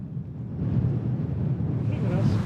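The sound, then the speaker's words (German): Strong wind rushes and buffets in a steady, low roar that grows slightly louder, with a faint watery, boat-like rumble underneath and no clear talking, at a marina. “Dann frischt der Wind kräftig auf.”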